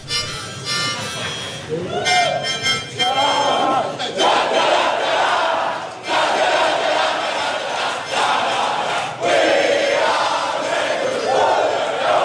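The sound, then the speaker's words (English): Carlton AFL players loudly sing their club song together after beating GWS by 12 points, the song started on a harmonica by Matthew Cottrell; a boisterous, shouted group chorus that keeps going without a break, with rowdy voices rising and surging throughout. “Matthew Cottrell had everyone in stitches, taking out his harmonica to get the club song started after the win.”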